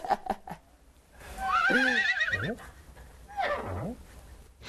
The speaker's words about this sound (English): What is that sound? It sounds like a donkey. A donkey? That's right, a donkey in the story.